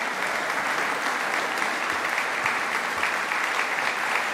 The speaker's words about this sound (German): Ein Konzert der Extraklasse mit der Mezzosopranistin Léa de Sondré und dem Lautenisten Thomas Dunford und seinem Ensemble Jupiter. Ihnen gilt hier auch dieser Applaus zu Ihrem Konzertabend im Rokoko-Theater in Schwetzing am 22. Mai.